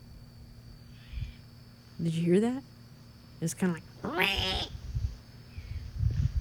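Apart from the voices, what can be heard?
great horned owl hooting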